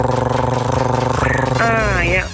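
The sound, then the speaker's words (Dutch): A voice makes a steady, loud droning hum for about two seconds, imitating the whir of an electric fan, with the pitch wavering slightly toward the end. “maar zo'n ventilator, ik kan daar dan weer niet mee slapen, want dat ding maakt zo'n lawaai.”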